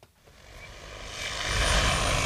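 A large agricultural multirotor drone, nearly 3 by 3 metres, flies back and forth beside a field in Haddom, Lovisa, spreading lime from a container underneath; it hums and whirs with a broad, buzzing roar that swells steadily louder as it approaches, with no voices present.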